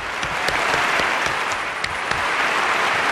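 Sustained audience applause, a dense steady patter of many hands clapping at an even loudness throughout, with no voices standing out over it.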